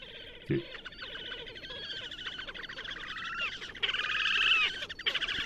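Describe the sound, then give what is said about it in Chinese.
Little grebe calls: a steady run of high, thin, rapidly repeated notes and short trills that swell louder toward the end, over a low background hiss, with a brief thump near the start. “小飞碟叫声，这个是叫声。”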